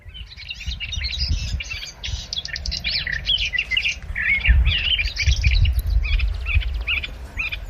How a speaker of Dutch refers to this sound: Mieke Pol uit Alkmaar, die hoorde 's morgens vroeg in de Schorrelse duinen de tuinfluiter onafgebroken zingen.